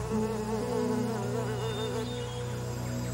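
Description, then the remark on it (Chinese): A dense, steady drone of many honeybees buzzing around an opened hive during a beekeeper's inspection, their overlapping hums wavering in pitch as they move about, with no voices heard. “每一次开箱检查都是一次亲密的对话，而蜜蜂也用自己的方式回报着养蜂人。”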